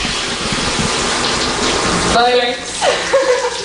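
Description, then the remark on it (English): A steady hiss of shower water runs throughout, and partway through a voice starts singing or humming over the spray with drawn-out sliding tones, mimicking a father's baritone singing. “found that his baritone voice highly amusing and took to mimicking him at any chance possible, especially in the shower.”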